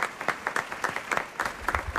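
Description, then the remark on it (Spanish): Steady audience applause for the Gran Coro de Sombreros Montalvo, opening the new Radio Ficción season at the new Teatro Luis del Olmo: many hands clapping in a dense, continuous patter with sharp, bright transients, moderately loud and sustained for the whole stretch without any voices. “Inaugurando, fuerte aplauso para ellos.”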